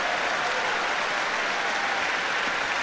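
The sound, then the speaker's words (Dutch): Dense, sustained applause from a large audience in the grote zaal of De Doelen in Rotterdam for pianist Daniil Trifonov and the Rotterdam Philharmonic Orchestra after Brahms' Second Piano Concerto, a steady roar of many hands clapping at once, loud and unbroken throughout with no voices standing out. “En direct een ongelooflijk enthousiast applaus hier in de grote zaal van de Doelen in Rotterdam.”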